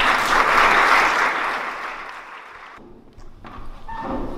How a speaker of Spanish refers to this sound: subís a la mesa y nos presentas a los ponentes y damos la bienvenida con un aplauso a los ponentes que nos estarán con nosotros.